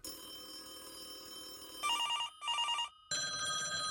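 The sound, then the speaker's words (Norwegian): A radio show's phone-in jingle: a musical bed gives way to an electronic telephone ringing in two rapid trilling bursts separated by short gaps, then continuing, loud with no voices. “I morgen skal vi gjøre noe med denne jinglen. Jeg visste ikke at hele greia var en jingle.”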